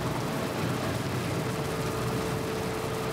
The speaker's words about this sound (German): Während die LKW mit 80 Sachen und einem Meter Abstand an ihnen vorbeirauschen.